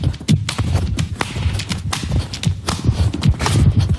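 Repeated sharp cracking and crunching snaps in an uneven rhythm, nuts being cracked by sitting on them, with thuds and rustling between the loud, bright breaks.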